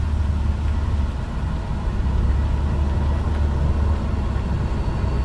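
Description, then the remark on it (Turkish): Steady, loud road and engine roar from a car moving at speed, with a deep constant rumble and broad hiss that holds unbroken throughout, as if heard from inside the vehicle. “Arabayı döndür. Arabayı döndür dedim.”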